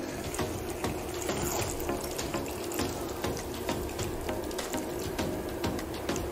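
Water pours steadily into a cooking pan, a continuous splashing rush with small bubbling spatters throughout, loud and unbroken for several seconds with no talking.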